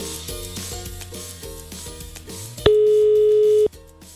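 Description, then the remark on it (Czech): A single loud, steady telephone ringback tone sounds for about one second, cutting in over a quieter rhythmic music bed, with no talking, as Radio Blaník calls a listener on air. “A u někoho už zvoníme.”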